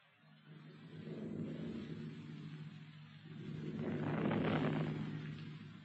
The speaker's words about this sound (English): Going to have that thunderstorm. Yes. Just get over with. Thunderstorms always act as though they were soon darned important.